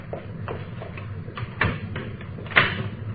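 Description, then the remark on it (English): A door is handled and pushed shut: soft knocks and rattles, then two sharper thumps a second apart, the last the loudest, over a low steady hum with no one talking. “Don't guess if I leave any fingerprints on the door, it'll hurt.”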